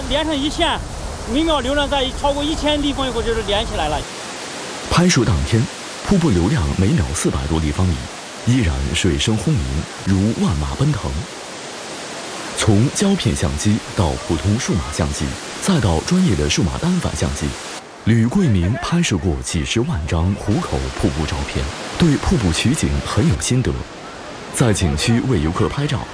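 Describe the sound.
A steady, heavy roar of rushing water from Hukou Waterfall on the Yellow River in China, flowing at over 400 cubic metres per second, fills the background the whole way through, with voices talking over it and a brief musical tone near the start.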